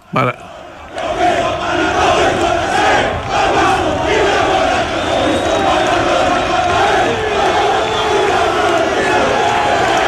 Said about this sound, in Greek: Είναι όταν πήγε στην Νάπολη εδώ που φωνάζουν οι άνθρωποι εκεί Μαραντόνα και Μαραντόνα και έκανε τσαλιμάκια στο γήπεδο, τεράστιος παίχτης.